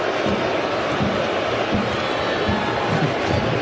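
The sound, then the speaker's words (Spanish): A large stadium crowd boos steadily at a football match between the United States and Bosnia, a dense, unbroken roar of disapproval at high volume for several seconds, with no individual voices standing out. “Y abucheos del público e incredulidad, un poco de incredulidad en el banquillo de Estados Unidos, que sigue revisando la jugada.”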